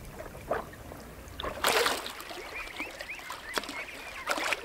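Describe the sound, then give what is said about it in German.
A Eurasian coot gives a few short, sharp calls amid bursts of splashing water and a steady low background wash. No one speaks. “Dem Blässhuhn zum Beispiel.”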